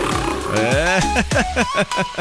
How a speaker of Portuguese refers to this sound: Tem um leão aqui, será que serve pra pôr?